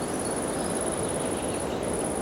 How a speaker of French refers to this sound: Le son aigu de l'insecte